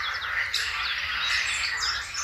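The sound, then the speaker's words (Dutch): A dense tangle of blackcap and chiffchaff song, bright warbling and repeated chirps overlapping continuously, over a low, steady croaking of green frogs, recorded in Posterholt, Limburg. No one speaks. “De kakofonie van zwartkop. En tjiftjaf. En groene kikkers.”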